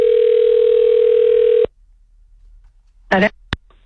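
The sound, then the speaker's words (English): A steady telephone tone hums loudly for under two seconds and cuts off as a trivia winner's number on the Alberta side of the border is dialed, leaving a quiet line, then a brief voice-like burst and a sharp click come through. “And we are calling up our winner, and judging by this phone number I'm dialing right now, we're going to the Alberta side of the border.”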